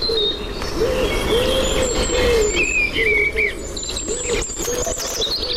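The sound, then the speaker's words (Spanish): A common cuckoo calls repeatedly, its low two-note hoots recurring over a busy outdoor chorus of chirping songbirds and a steady insect buzz. “Cuco.”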